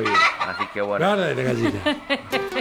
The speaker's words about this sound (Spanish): Guarda la gallina.